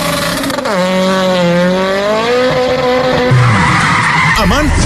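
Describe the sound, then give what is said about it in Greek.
A car skids after a tire blowout in the middle of the road, with a long, loud tire screech that wavers and slides in pitch for several seconds, with rough engine and road noise underneath, ending in a brief lower squeal. “πάει το λάστιχο, πάει και η ζάντα. Στη μέση του δρόμου.”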